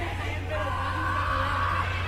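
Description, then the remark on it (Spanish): A large crowd shouts the name Miguel in unison, a dense, sustained roar of many voices calling out together at a steady, fairly loud level for the whole moment. “Miguel, le gritan ahí.”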